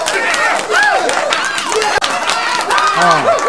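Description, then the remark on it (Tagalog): A crowd claps its hands in a dense, steady patter of applause that runs the whole time, mixed with several voices shouting and cheering over it. “Use your palad and palakpak. Atong pagpakan!”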